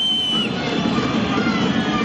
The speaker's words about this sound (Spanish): Ese es el veredicto de la gente de Racing. El silbido en la tercera fecha del campeonato.